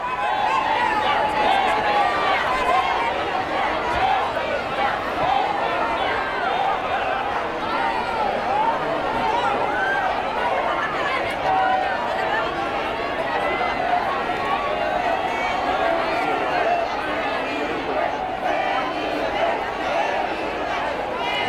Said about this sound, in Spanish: Gritos de Felipe, Felipe, España, España, de los melillenses que, como ocurrió ayer en Ceuta, han querido abarrotar, en este caso, la Plaza de España, recientemente remodelada, para darles la bienvenida.